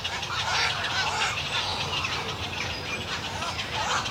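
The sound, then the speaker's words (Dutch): A dense, continuous chorus of squawking birds from a busy breeding colony, flying right overhead while the young are being fed, many harsh calls overlapping at a steady, loud level with no pauses. “Zo. Recht over ons heen. Ja, fantastisch, hè? Dat geluid.”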